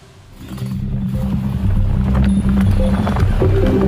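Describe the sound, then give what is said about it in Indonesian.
The hooves of a runaway horse pound rapidly in a running gallop as it runs onto a road in Bantul, Yogyakarta, on a Sunday afternoon, growing louder as they approach, with a dense rumble of traffic or motion noise underneath. “kuda itu tiba-tiba berlari ke jalan dalam kondisi tak terkendali”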